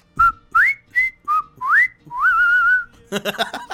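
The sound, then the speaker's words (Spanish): A person whistles a quick series of sharp, rising notes, then one long wavering whistle, loud, like calling out to someone; a brief burst of noisier sound follows at the end. “Si tu mera mujer no te hace caso, bueno, chíblale, hazle como el ….”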